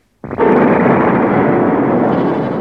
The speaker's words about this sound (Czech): V tu chvíli otřásl hradem mohutný výbuch. Hrad se otřásl v základech a hlavní věž se zřítila. Jak se to mohlo stát, když stroj měl vybuchnout až za 30 minut?